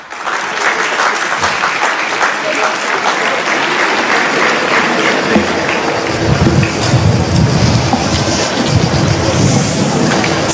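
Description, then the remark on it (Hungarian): A crowd breaks into loud, steady applause welcoming a woman from Brazil before her testimony, dense clapping that fills the whole clip without a break and swells fuller and heavier in the second half. “Nagy tapsal köszöntsük őt!”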